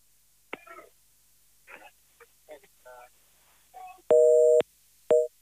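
A loud telephone line tone sounds twice near the end, a long steady beep followed by a shorter one, after some scattered brief vocal noises earlier on, during phone calls made for a Sportmatinee broadcast.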